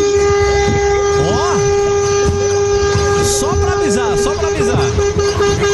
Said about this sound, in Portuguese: Aí, eu vou buzinar então pra ele, pra avisar o pé de pano que ele tá chegando na casa dele. Aí, ó, pega.